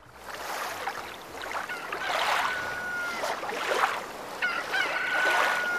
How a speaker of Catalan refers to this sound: A Serenal. Un gall a la platja. No, és el gall desveïnat. És el gall que té... El veïnat que té un galliner.